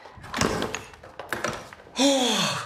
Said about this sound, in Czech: Máme kliku, ve dveřích je klíč. Neřečni a zamkni.